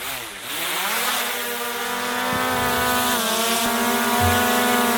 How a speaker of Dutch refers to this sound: Ja, dit is een drone die we hoorden, hè? Ja, precies. Ik dacht eerst vervelende muggen.